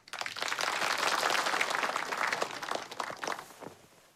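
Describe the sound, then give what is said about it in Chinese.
A room full of people applauds steadily for about four seconds to welcome Political Commissar Deng to speak on the three-thirds system, a dense, even wash of many hands clapping at once, fairly loud, with no one speaking. “今天啊，我们请邓政委给大家讲一下三三制，大家掌声欢迎。”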